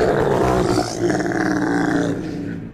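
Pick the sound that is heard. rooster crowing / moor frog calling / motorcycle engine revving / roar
roar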